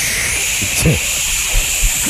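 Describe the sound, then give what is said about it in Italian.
A steady, bright hiss of CO2 being sprayed hard runs through the whole clip, with a short sharper burst near the start and faint low vocal sounds underneath. “Spruzza, okay, forte. Dai, io spruzzo forte.”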